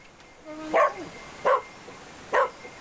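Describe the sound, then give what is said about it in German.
A female rescue dog gives three sharp, evenly spaced barks, each short and clear, against a quiet, faintly noisy background with no one talking. It is signalling a trapped person it has scented among rubble during a rescue training exercise in Lemwerder. “Bellen bedeutet, dass der Hund jetzt hier eine Person wahrgenommen hat und dementsprechend hier jetzt auch die stärkste Witterung austritt und dementsprechend der Hund hier jetzt anzeigt, dass eben hier eine Person ist.”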